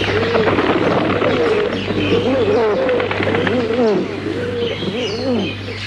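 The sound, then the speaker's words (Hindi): Several pigeons coo in soft, rolling, overlapping phrases that repeat throughout, steady, with light bird chirps above and a constant low hum underneath. “तभी उसने कुछ कबूतरों को देखा।”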